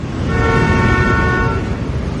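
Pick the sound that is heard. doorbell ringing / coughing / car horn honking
car horn honking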